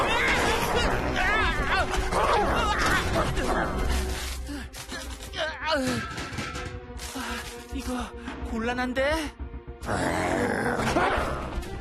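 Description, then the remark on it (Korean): A dog growls and snarls loudly and almost continuously, its rough, agitated vocalizations prominent, while a person speaks briefly over the commotion. “이런 멍멍아, 미안! 이제 좀 진정해!”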